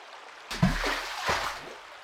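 After a brief quiet start, a steady rush of river water flows in, fairly loud, with a couple of gurgling surges breaking through the continuous wash.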